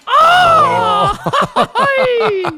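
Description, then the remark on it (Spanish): A person attempts a mariachi-style grito: a long rising-and-falling yell, then a burst of choppy, laugh-like yelps and a final wavering cry, loud. “No me sale el grito de mariachi, me da coraje.”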